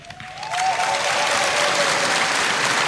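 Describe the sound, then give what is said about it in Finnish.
An audience at a tango singing competition final breaks into loud, sustained applause for the eight finalists and the tango orchestra led by Samuli Jokinen, after a brief quieter moment, the dense clapping filling the space steadily with a faint whistle-like tone briefly audible near the start. “Näin juuri he ovat aplodinsa ansainneet, aivan kuten on myös Samuli Jokisen johtama loistava tango-orkesteri.”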